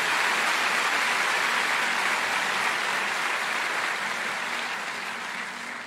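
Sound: audience applauding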